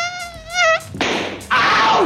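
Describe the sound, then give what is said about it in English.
A thin, high-pitched mosquito buzz wavers for under a second, then cuts off and is followed by two loud, broad noisy bursts, like swats or sharp hisses. “Today is World Mosquito Day.”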